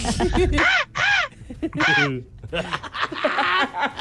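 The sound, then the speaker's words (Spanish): A person voices a string of harsh, rasping caws imitating a crow, three or four loud calls, followed by chattering and laughter-like vocal sounds. “La mejor imitación de cuervo que he oído en mi vida.”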